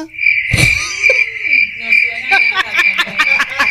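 A bed creaking in a quick run of rhythmic squeaks and clicks, set over a steady high-pitched whine that holds throughout, with a few warbling tones mixed in.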